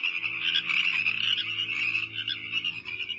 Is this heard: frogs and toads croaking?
yes